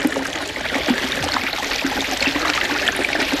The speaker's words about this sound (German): wohnte mitten in der Wüste bei einer klaren Quelle, die wie ein kleiner Springbrunnen plätscherte.